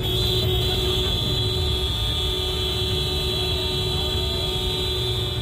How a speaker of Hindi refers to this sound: सामूहिक रूप से हॉर्न बजाकर यह मध्य प्रदेश के मुख्यमंत्री मोहन यादव के खिलाफ प्रदर्शन है। दरअसल सीएम मोहन यादव का काफिला सिंगरौली की सड़कों से गुजरा तो आम आदमी के लिए थोड़ी देर के लिए रास्ता रोक दिया गया।